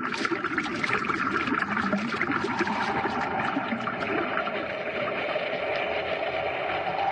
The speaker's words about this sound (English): That pipe isn't drawing water out, it's forcing it in. Someone reversed the pumps.